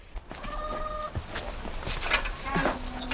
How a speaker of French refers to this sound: On a juste une quarantaine de poules, puis un coq qui a son harem. Donc vous les avez pour les œufs, évidemment. Oui, pour les œufs, puis aussi pour la viande.